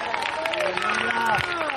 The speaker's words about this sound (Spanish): ¿Cuántos alaban al Señor? No, pues cuando Cristo venga en gloria, yo también vendré con él. Dios bendiga a los cuatro que aplaudieron.